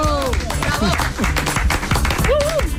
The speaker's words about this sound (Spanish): Oye, aplauso. Sí, sí, aplauso a Brasero.